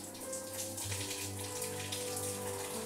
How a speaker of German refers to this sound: Hier vorne stressen wir sie eben nicht, sondern dann wird der Rücken und werden eben die Flossen mit kaltem Wasser benetzt, damit sie darüber entsprechend jetzt ein bisschen Kühlung bekommt.